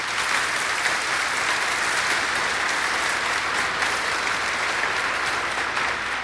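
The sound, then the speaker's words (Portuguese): An audience at a sanctuary applauds for Our Lady, dense clapping filling the space at an even loudness for several seconds, with no voices over it. “Nossa Senhora merece uma salva de palmas, né, gente?”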